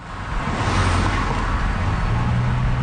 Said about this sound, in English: Residents on High Street say they've noticed even more vehicles zipping through their neighborhood, including large commercial trucks.